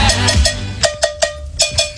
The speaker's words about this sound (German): Wie du merkst, man hört ihn nicht. Das liegt daran, weil er die Kuhglocke spielt. Nein. Willst du mal hören, wie die klingt?